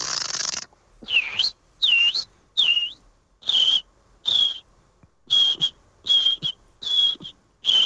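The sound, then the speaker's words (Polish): A person, last year's winner of the Polish Championship in bird imitation, whistles a bird-like call on a radio show, repeating about ten short, bright chirping phrases in a steady rhythm with brief pauses between them, clear and with no talking. “zeszłoroczny zwycięzca Mistrzostw Polski w naśladowaniu ptaków”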